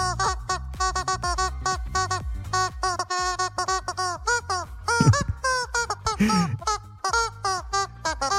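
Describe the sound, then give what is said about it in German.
A squeaky rubber chicken dog toy honks out the melody of a pop hit, its shrill, nasal squeals rising and falling in quick rhythmic bursts, loud, with no talking. “Dabei hilft uns das verrückte Huhn, hier so quietscht hier für Hunde, kennt ihr, ne?”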